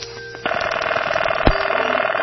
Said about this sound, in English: Here's a collection of telephone sounds of the 1970s.